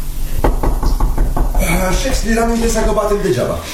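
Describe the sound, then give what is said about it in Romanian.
Someone raps on a door about five times in a quick, even rhythm, dull thuds over a low background, then a person starts talking once the knocking stops. “Așa că ți-l am impresia că batem degeaba.”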